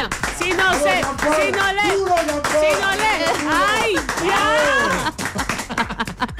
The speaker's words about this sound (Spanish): Un aplauso. Bravo, chicas,